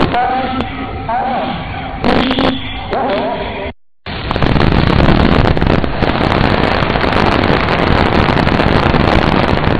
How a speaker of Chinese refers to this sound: 随着鞭炮口令的响起，朱雀三号直冲云霄，火箭起飞两分钟后，舰体一二级顺利分离。